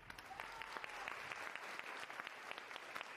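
An audience claps steadily to welcome a guest, an ocean researcher, a dense patter of many hands at an even, moderate loudness, with no voices over it.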